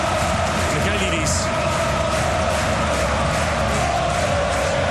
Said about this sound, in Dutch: Het publiek denkt het is tijd voor opnieuw positivisme. Dansen, springen, klappen en zingen.